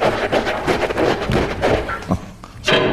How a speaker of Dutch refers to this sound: doe die deur eens even open.